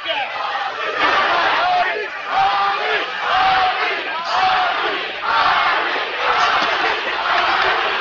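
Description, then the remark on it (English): A large boxing crowd at the Muhammad Ali versus Larry Holmes fight screams and chants "Ali, Ali" in a steady rhythmic pulse during the ninth round, many voices roaring together loudly and continuously, the chant rising and falling every second or so. “Crowd screaming, chanting, Ali, Ali.”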